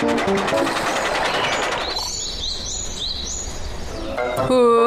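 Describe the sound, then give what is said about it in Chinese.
A small toy train rumbles steadily along its track, with a bright burst of clattering noise at first, then a continuous rolling hum topped by high, chirping whistle-like tones. “找到了，小火车怎么越跑越远啦？”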